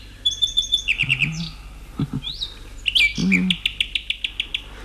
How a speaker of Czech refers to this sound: Zpívej, jak nejlíp dovedeš, Slavíku.